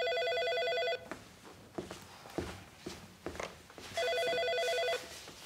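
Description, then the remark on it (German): A telephone rings twice, each ring a loud one-second burst of bright, harmonic trilling, separated by a pause filled with soft shuffling footsteps and movement. “Ah, das ist Julia. Du, Julia, ich mach dich mal laut, ja?”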